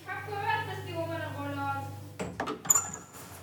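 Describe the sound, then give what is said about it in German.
A steady voice hums or talks for a couple of seconds, then gives way to a quick run of sharp metallic clicks and clunks as a door is unlocked and pulled open. “mach mal die Tür auf. Wieso schließt du eigentlich immer ab?”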